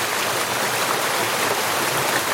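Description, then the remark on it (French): A mountain stream with a modest flow carries small pebbles that tumble onto larger rocks, in a steady, dense wash of water noise, fairly loud, with no voices. “Il y a un joli petit débit, alors pas du tout, on n'est pas dans une situation de lave torrentielle, mais j'essaie de vous faire écouter les petits cailloux qui tombent sur les plus gros.”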